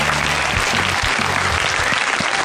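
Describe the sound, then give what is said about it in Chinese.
Sustained applause from a studio audience on a dating show, welcoming friends from various clubs, a dense, steady crackle of many hands clapping at once that stays loud and even throughout, with a faint low hum underneath. “那另外现场呢，还有来自各个俱乐部的朋友们，同样把掌声送给他们。”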